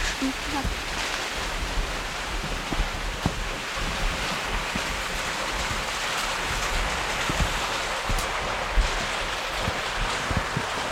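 A steady, unbroken rush of water from back over there, like a waterfall or fast stream, fills the whole recording with a dense hiss and low rumble, occasionally buffeted by wind.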